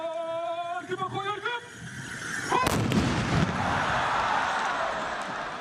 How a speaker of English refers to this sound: The perfect synchronization of the horses and the rifle shots require constant concentration.